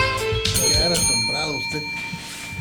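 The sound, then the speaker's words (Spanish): A bell rings for the radio segment 'El timbre de la verdad' in Ciudad Juárez, Chihuahua, with sustained, shimmering tones that hold steady throughout, while a voice speaks over it; the ringing stays fairly loud. “El timbre de la verdad está aquí, blanco y negro.”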